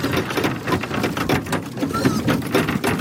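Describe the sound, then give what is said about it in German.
A crowd of 35 black Alpine pigs eating their feed: a steady, dense mass of crunching and smacking, busy and fairly loud throughout, with small irregular surges in the chewing noise. “Und so, wenn sie dann endlich ihr ersehnter Fressen übergekommen haben.”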